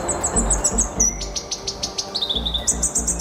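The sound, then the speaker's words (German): A Black Robin (Karure), a rare, small, black, round songbird of New Zealand, sings a lively, high-pitched song of rapid chirps, trills and clear whistled notes, heard alone with no talking over it. “Und so klingt dieser äußerst seltene Vogel.”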